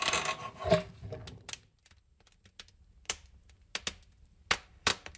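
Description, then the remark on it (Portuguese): The metal door of a wood-burning kitchen range in a rural home scrapes and clanks open, then scattered sharp crackles and pops from the wood fire follow at irregular intervals, fairly quiet, with no talking. “Imos agora escoitar, xa que falamos da cociña económica, como sona abrir unha porta e eses sonidos do lume aquí no entorno rural tan necesario, o lume ben utilizado.”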